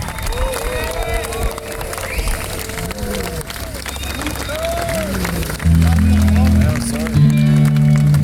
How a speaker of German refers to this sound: Applaus für Ihren Marzahorn.